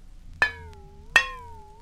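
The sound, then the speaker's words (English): A dish is tapped twice, each sharp strike leaving a clear ringing tone that fades slowly. The two taps are evenly spaced and fairly crisp against a quiet background. “Number four was a dish.”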